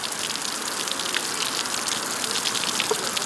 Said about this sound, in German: Zement und grober Kies werden zusammengerührt, was entsteht, sieht erstmal aus wie ein grauer Puffreis. Und wenn Wasser auf die Oberfläche trifft, fließt ein guter Teil direkt unten wieder raus.